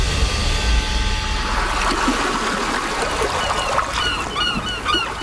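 Fishing port ambience with lapping, trickling water and a steady outdoor wash, while birds call and honk intermittently; no one speaks.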